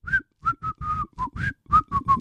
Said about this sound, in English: One in five of us say this is one of the most annoying things a co-worker can do, especially on a Monday. The answer is whistle.